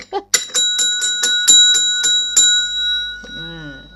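Bright bells ring in a quick, steady series of about eight strikes, their clear tones sustaining and overlapping, fairly loud, before a voice briefly comes in at the end.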